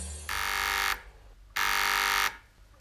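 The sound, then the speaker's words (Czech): A two-way radio's call buzzer at the Horská Louka mountain chalet sounds in two long, harsh electronic bursts, each under a second, with brief gaps between and the start of a third at the end. No one speaks. “Václave, vysílačka.”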